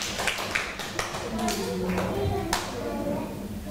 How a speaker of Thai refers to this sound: ต่อไปค่ะขอเป็นตัวแทนกลุ่มที่2ค่ะขอเสียงปรบมือให้ตัวแทนกลุ่มที่2ด้วยค่ะ